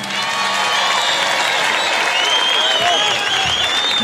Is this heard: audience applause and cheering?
yes